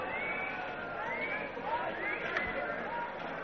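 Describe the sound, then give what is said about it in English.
A dense, steady murmur of many voices fills a busy space, overlapping chatter with no single speaker standing out, continuous and fairly loud throughout. “Vicky has spotted Katerina moving through the crowds.”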